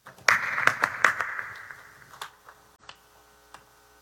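A burst of applause welcoming a preacher, strong and dense at the start, then thinning over a few seconds into scattered, irregular claps. No voices are heard.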